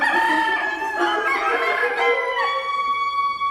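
rooster crowing cock-a-doodle-doo

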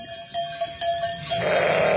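ewe bleating

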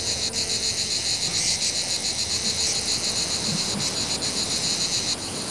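cicada singing

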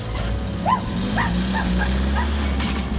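dog barking excitedly

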